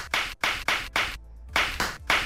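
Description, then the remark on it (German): Flip-flops slapping in a steady walking rhythm: about eight sharp, bright smacks in quick succession with a brief pause midway, and no voices. “Nein, keine Knallerbsen. Die werden zwar gerade reif, aber es sind Badelatschen.”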